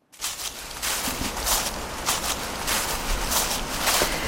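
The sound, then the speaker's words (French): Footsteps crunch through dry dead autumn leaves at a steady walking pace, each step a crisp, crackling burst over continuous rustling. No voices are heard. “L'automne est déjà bien avancé, les feuilles mortes craquent sous les semelles”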